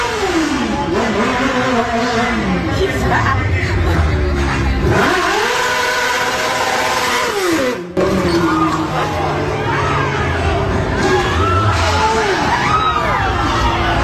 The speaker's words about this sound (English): Yeah, so when you watch the video, you can't really tell much right there, but you hear the motorcycle revving up its engine, doing like a little bit of a burnout on Atwells Avenue, tries to pull away,